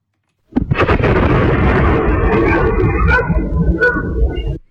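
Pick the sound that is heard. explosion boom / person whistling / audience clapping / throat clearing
explosion boom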